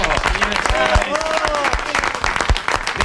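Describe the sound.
A crowd applauds loudly and steadily for about three seconds, dense clapping with scattered sharper claps, joined by cheering voices and a few high whistles.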